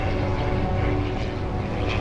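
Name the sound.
propeller airplane flying overhead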